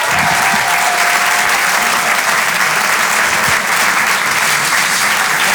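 A large crowd at the Apollo Théâtre applauds loudly and steadily for comedian Sébastien Marx at the Open du Rire, a dense, continuous wash of clapping with some cheering mixed in, filling the whole stretch without pause.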